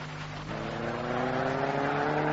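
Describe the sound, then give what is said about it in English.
A car engine revs steadily upward while driving in traffic, its pitch climbing as it accelerates, loud with a constant droning hum and no voices. “how you keep the car straight, Henry?”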